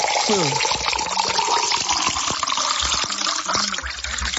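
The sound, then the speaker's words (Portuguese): Drinking water pours steadily into a glass in one continuous stream, with a gurgling, splashing texture and faint voices murmuring underneath. “Mais um copo aí, mais um.”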